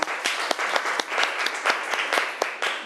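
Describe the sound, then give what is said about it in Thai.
A group applauds a representative of group 3, the crowd's clapping forming a dense wash broken by sharper individual claps at an irregular rhythm, moderately loud throughout with no voices heard. “ขอเสียงปรบมือให้ตัวแทนจากกลุ่มที่3ค่ะ”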